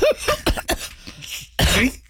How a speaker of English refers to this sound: you hear that coughing? I do hear that coughing.